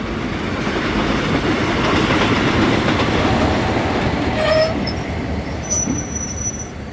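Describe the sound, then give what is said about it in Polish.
A train on the main western line rumbles heavily along the rails, steady, as high, thin brake squeals rise over the noise while it slows toward a stop at Sears Crossing. “Pociąg leci główną linią zachodnią. Zatrzymamy go tutaj, w Sears Crossing.”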